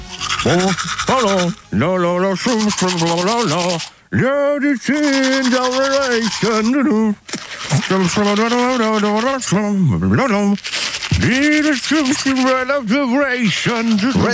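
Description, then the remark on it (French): A person hums and sings a melody while brushing their teeth, mouth full of toothpaste foam, the tune muffled and garbled, while steady scrubbing bristle noise runs continuously underneath. Loud throughout, with only brief pauses. “s'il vous plaît, pour le jeu de la brosse à dents”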